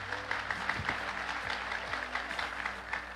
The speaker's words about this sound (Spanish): Dale fuerte aplauso al Señor Jesucristo.